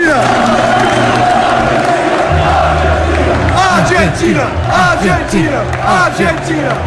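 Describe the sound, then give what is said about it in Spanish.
A loud crowd at Old Trafford chants in unison for Lisandro Martínez after a good game, many voices rising and falling in a steady rhythmic pattern. Dense cheering and shouting fill the background throughout. “Tanto es así que no les importan los argentinos que cuando Lisandro Martínez tiene un buen partido en Old Trafford, escuchás este grito.”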